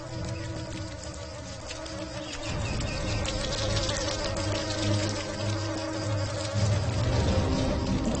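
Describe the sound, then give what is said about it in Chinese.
A steady, whining buzz of newly emerged mosquitoes in flight, fairly loud, swelling a little after the first couple of seconds and droning on without pause. No one speaks. “不久之后，它们就成了会飞的蚊子。”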